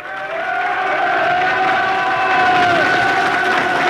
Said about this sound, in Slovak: Počujete? Čo vravím? Počuj aj hluchý, ale či cítite ten potlesk? A tento?